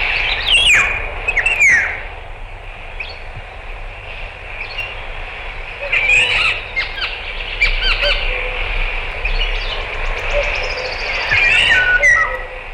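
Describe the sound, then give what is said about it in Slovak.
A green woodpecker calls in a forest in loud, laughing bursts of sharp notes, with a few separate outbursts over a steady hum of outdoor background noise; no one speaks. “A žlna klebetnica oznamuje v lese, chytili ju, keď v hore kradla drevo.”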